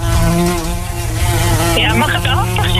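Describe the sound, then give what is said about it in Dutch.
A loud insect buzz drones steadily, a wasp's harmonic whine that shifts in pitch as it moves, with a brief higher warble near the end and no talking. “Jij bent heel erg bang voor wespen.”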